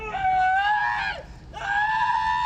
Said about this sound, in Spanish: Este es el momento en que un inmigrante es detenido por ICE en su auto y recibe varias descargas eléctricas. Testigos grabaron el momento en que grita de dolor, pide ayuda y pide un abogado.